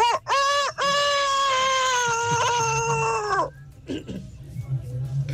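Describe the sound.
A person loudly imitates a crude rooster's crow as a hidden talent on the Tropicana radio show: two short clipped notes, then one long, strained, wavering cry that cuts off abruptly, leaving quiet room noise.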